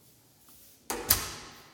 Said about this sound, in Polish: W tej chwili już Motorola Moto G4 nie ma żadnego włączonego dodatkowego processingu, zmiany. Mogę sobie otworzyć drzwi. Iść na korytarz.